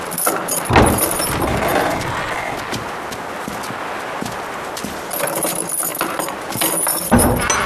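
Keys jangle and rattle metallically for several seconds, with clunks of a lock turning and a heavy thump at the start and end as a door is opened close by.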